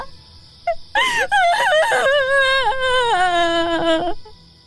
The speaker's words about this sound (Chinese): 一阵凄惨的哭声，犹如惊雷炸响，划破寂寥，在高远的夜空久久回荡。